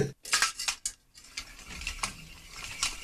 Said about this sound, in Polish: Taka inna rzecz, bardzo ważna dla Nepalczyków, to młynki modlitewne. No niektórzy się śmieją, bo jeden obrót takim młynkiem to jest jedna modlitwa, więc w ciągu minuty on zrobi 100, że tak powiem, zdrobasiek.